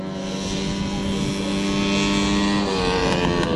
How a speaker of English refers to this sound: On a racetrack in central Queensland, drivers are revving their engines. But these aren't typical race cars. They are lawnmowers.